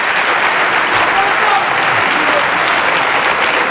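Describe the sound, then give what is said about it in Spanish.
A crowd applauds steadily for about four seconds as a round of applause and a greeting for Ceuta, where a Ceuta flag is shown: a dense, loud wash of many hands clapping at once that holds an even level throughout. “Un aplauso y un saludo para Ceuta.”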